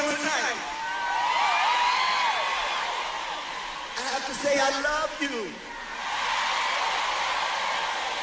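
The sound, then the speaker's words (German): A large concert crowd cheers continuously, a steady roar of many voices with high whoops and shouts rising above it, swelling briefly near the middle before settling back to a sustained din. “Und wie das da mit dem Anfeuern funktioniert, das können Sie hier schon mal hören.”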